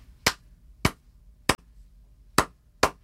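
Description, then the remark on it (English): Five sharp hand claps tap out a Cuban clave rhythm: three evenly spaced claps, a short pause, then two quicker ones. The claps are crisp and loud, with no talking. “But could you clap one for yeah. us?”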